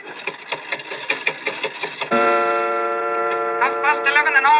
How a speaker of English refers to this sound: But look at the clock. I open the glass face like this. I push the hand forward like this, and